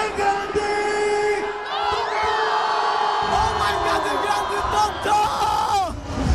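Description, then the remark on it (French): A large concert crowd cheers and screams loudly and continuously as the artist arrives on stage an hour and a half late. High-pitched shrieks and whoops rise above a dense roar of voices that swells and stays intense throughout. “Mais après quelques sifflements, l'arrivée de celui qu'on surnomme … fait oublier aux plus grands fans ce léger imprévu.”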